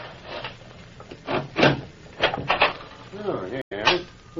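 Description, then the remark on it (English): A door is unlocked and pulled open: a series of wooden clunks, rattles and scrapes, ending in a heavier knock, with a brief murmur of voices near the end. “Open the door.”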